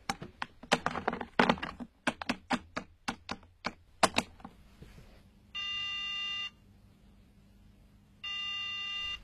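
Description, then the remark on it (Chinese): A quick run of sharp button clicks as a phone number is keyed in to call a teacher's home, then a low line hum and two evenly spaced electronic ringing tones while the call waits to connect; no one answers. “哎，我打电话到他家去问问啊。”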